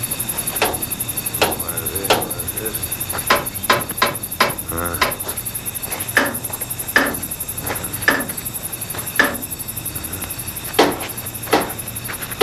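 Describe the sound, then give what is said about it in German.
A special hammer carefully taps every wheel and bolt of the old locomotive Emma just after sunset, about twenty sharp, ringing strikes at an uneven, unhurried pace, moderately loud over a steady background hum. “Lukas holte den Werkzeugkasten, nahm einen besonderen Hammer heraus und beklopfte vorsichtig und schweigend jedes Rad und jede Schraube an der alten Emma.”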